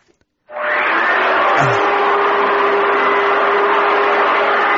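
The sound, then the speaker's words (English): A vacuum cleaner starts up abruptly and keeps running with a loud, steady whir and a faint whining hum, uninterrupted, with no voices. “I think he's hoovering.”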